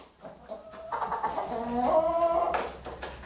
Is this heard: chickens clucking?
yes